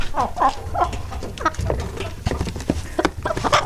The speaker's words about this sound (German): Wir spielen Ihnen nochmal alle drei Hennen vor. Und ja. Sie müssen sagen, welche davon könnte denn die sein, die man preisbekommen hat. Also hier nochmal Henne Nummer 1.